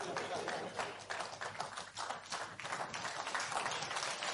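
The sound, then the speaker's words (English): An audience applauds with dense, steady clapping that lasts the whole stretch, loud and even, with a few voices mixed faintly into the crackle of hands. “That is the kind of thing you should be clapping for.”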